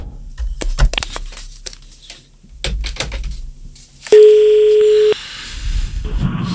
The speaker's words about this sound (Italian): Sto attendendo che si colleghi il telefono.